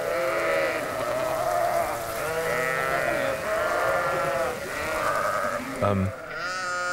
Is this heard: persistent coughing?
no